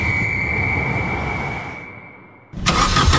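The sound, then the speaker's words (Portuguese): The engine of a car that has broken down 200 km from home cranks with a steady whine and low rumble, trying to start, then cuts off before a sudden loud burst of noise. “Quando o carro avariou a 200 km de casa, a sorte foi ter a assistência em viagem do ACP.”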